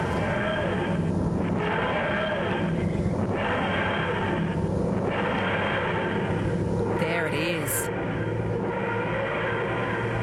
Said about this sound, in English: A key scraping a piano string to make that sound.